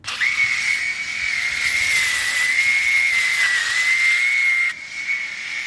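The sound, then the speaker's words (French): An electric hair clipper shaving a person's head runs steadily, a loud, continuous high-pitched whine over a breathy hiss, wavering slightly in pitch before dropping a little in loudness near the end. “Et tous les 3 jours, je m'arme de ma tondeuse et je les passe.”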